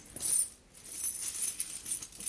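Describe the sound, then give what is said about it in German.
Gold and silver coins from around the world clink and jingle softly as they shift about in a linen bag, a bright, metallic rustle with scattered small chimes over a couple of seconds, fairly quiet. “Lauter Gold- und Silberstücke.”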